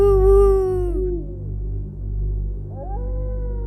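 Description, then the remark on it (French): An Iberian wolf howls to mark its territory in a long, high, wavering tone that slides downward and fades, then a second howl rises and holds steady, with a low droning hum underneath throughout. “Pour délimiter mon territoire, je crie « Aou !»”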